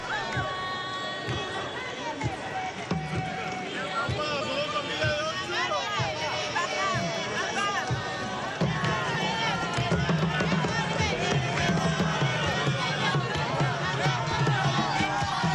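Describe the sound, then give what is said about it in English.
A large crowd of the faithful in a square cheers and chants at the Holy Father's event, with a few musical groups playing, many voices overlapping in a steady, dense roar with rising and falling sung tones, growing louder partway through and continuing without pause. “you can hear in the background the cheers and chants of the faithful, as well as a few musical groups who are set up here in the square to celebrate the Holy Father's event with the faithful who come out to see him.”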